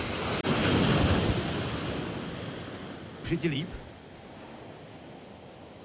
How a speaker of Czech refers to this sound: Ještě čekám na další vlnu. Jo, už jede, je mi dobře.